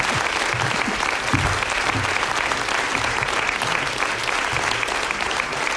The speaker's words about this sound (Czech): a my vám teď moc zatleskáme